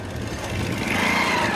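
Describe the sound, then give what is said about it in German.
Two motorcycles approach from a distance and roll past slowly, their engines a low, steady rumble with a faint whine rising above it, holding at an even loudness throughout with no voices. “Zwei Motorräder fahren langsam vorbei.”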